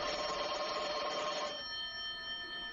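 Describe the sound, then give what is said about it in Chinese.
A desk telephone on a table rings with a loud, rapid metallic bell trill, then stops, leaving clear tones that linger and fade. No one speaks. “这时桌上的电话突然响了起来。”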